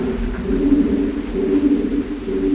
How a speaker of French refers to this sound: pigeons. Ils sont pas là où on est, ils sont vraiment dans l'autre partie de la grotte. Parfois, ils peuvent être une cinquantaine, et quand ils sont 50 en même temps à faire ça, on a vraiment le sentiment d'une sorte de chant. Là, il est tout seul,